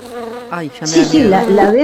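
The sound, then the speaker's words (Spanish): Many honeybees buzz around a hive, a loud, continuous drone of overlapping wing tones that waver and rise in pitch, with no one talking. “Como no, al abrir la puerta de la colmena, las abejas pueden salir.”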